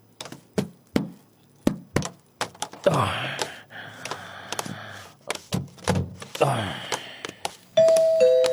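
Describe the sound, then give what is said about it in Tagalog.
A clear two-tone ding-dong doorbell rings once near the end, early in the morning, following a series of sharp clicks, soft thumps and brief vocal sounds. “May nagabang doorbell.”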